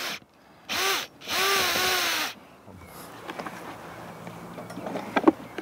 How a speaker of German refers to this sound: An der Feuerstelle angekommen, wird der Ofen an seinem unteren Ende noch einmal bearbeitet. Kai Liebscher bohrt zwei Löcher. Sie dienen der Luftzufuhr.